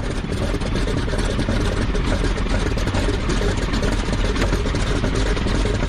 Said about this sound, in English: And we want to know if it is cylinder number 2 or where the tick is located. Diagnosing that involves a medical instrument. Hans is going to use a stethoscope to listen for the telltale tapping sound made by a stuck inlet valve.